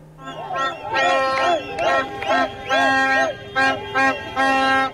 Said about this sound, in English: And Mexican fans have been doing their very best to disrupt the sleep of the England players with loud cheers and car horns outside the team hotel, despite efforts to keep its location secret.